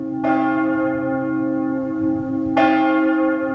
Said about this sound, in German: Oder die Glocken läuten bei der Trauerfeier und Beerdigung. Wie laut und wie lange die Kirchen ihre Glocken läuten dürfen, dafür gibt es Regeln.